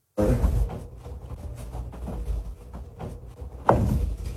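Dull knocks on a wall behind a floor-length mirror propped up against it, the mirror jiggling and bouncing off the wall with each knock: a few irregular thumps with low rumbling between them, the loudest strike landing near the end.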